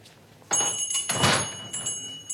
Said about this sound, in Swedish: Apotekaren tittade på klockan och kom underfund med att det var dags att stänga. Han låste dörren ordentligt efter barnen och tänkte på att nu skulle det bli skönt att komma hem och få en bit mat.